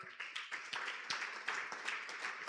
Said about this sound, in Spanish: Así que denle un aplauso al Señor.